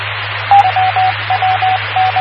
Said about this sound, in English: Oh, Morse code practice there.